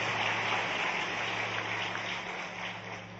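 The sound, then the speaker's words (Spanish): After a closing prayer, a crowd claps steadily for a few seconds, a dense, hissing wash of many hands with no distinct individual claps, over a faint low electrical hum. No one speaks. “Le damos ahí el aplauso en esta hora.”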